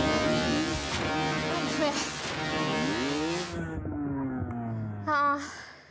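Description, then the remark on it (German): A motocross motorcycle engine revs loudly during motocross training, its buzzing pitch rising and sagging over several seconds before a brief sharp burst near the end. “Wenn man auf dem Motorrad sitzt, man konzentriert sich nur auf sich selber und auf das Fahren.”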